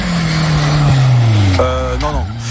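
A loud racing car engine roars, its pitch sliding down before sharply revving and climbing again as it accelerates, all within a couple of seconds.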